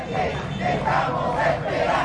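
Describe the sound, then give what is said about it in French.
A crowd of about a hundred protesters in Caracas shouts together in loud, sustained chanting, demanding the return of María Corina Machado, many voices blending into a continuous roar with rising and falling rhythmic surges over about two seconds. “Une petite centaine de personnes étaient au rendez-vous hier pour réclamer haut et fort le retour de la très populaire María Corina Machado.”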